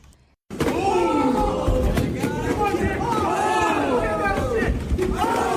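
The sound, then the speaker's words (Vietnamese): A loud, excited crowd at a roughly 60-second fighting match between two humanoid robots, Engine and Unity, in San Francisco, many voices shouting and cheering over one another in a dense, steady roar that starts abruptly after a brief moment of quiet. “Quý vị đang nghe âm thanh từ màn đấu võ tầm 60 giây giữa hai robot hình người đang thu hút sự chú ý trên mạng xã hội.”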